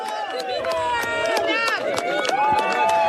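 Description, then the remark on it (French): A loud, dense crowd of about 200 people, many dressed in black, shouting and booing continuously in front of the town hall of Le Porge, Gironde, as Sébastien Lecornu's motorcade arrives, with overlapping rising and falling cries of "Honteux" and sharp bursts throughout, including an ironic "bravo". “Vous l'entendez, les huées fusent à l'arrivée du cortège de Sébastien Lecornu.”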